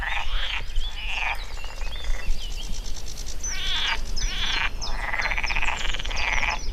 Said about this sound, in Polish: A po drugiej stronie mamy właśnie widok na kanał Gustowski. Przyroda nam wtóruje. To są oczywiście żaby. Jesteśmy w takim właśnie fragmencie, gdzie mamy wodę. I to jest najważniejsze, bo woda to życie. I żaby się po prostu rozmnażają.